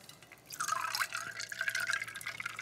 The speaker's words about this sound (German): Gieße ich das Ganze mit unserem Soda auf.